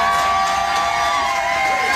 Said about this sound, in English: The crowd of 400 fans showed him some love as well by singing to him, and he reciprocated.